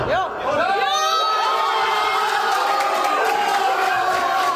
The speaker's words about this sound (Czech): V hospůdce neboli v rodinném klubu u Cmolů v Dolním Němčí vládla napřed radost a nakonec trocha smutku. Nejdříve po Krejčího vedoucím gólu hlavou vytryskal na Slovácku velikánský gejzír radosti.